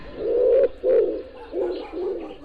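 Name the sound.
pigeons cooing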